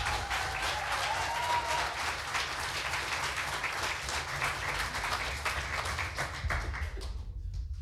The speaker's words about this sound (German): Er kommt aus Husum. Heißt ihn bitte herzlich willkommen mit einem 10-Punkte-Applaus.